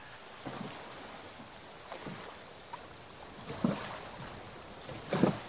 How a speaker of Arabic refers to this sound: ويسمع الزوجان صوت سريان قارب فوق الماء قادم باتجاه المنزل، ويرتفع الصوت شيئا فشيئا